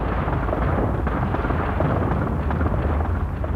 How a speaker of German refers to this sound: Da oben hinter den Wolken fing es plötzlich an zu donnern. Man dachte erst Gewitter, war aber nicht, sondern das war Steinschlag. In großer Masse sind die Steine da oben raus.